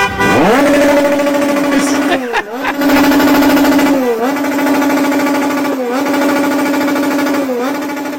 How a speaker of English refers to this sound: This is actual audio from outside of the hotel. This is what some of the Mexican fans are doing to try to make sure the Ecuador players don't get any sleep. Motorcycle. They're revving a motorcycle.